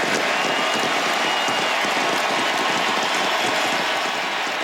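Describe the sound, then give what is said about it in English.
A huge stadium crowd in Buenos Aires, Argentina, cheers for Lionel Messi at his final appearance for the national team, a loud, dense roar of voices and clapping that holds steady for the whole stretch, with no single voice standing out. “They would not stop cheering for Lionel Messi last night in the Argentine capital.”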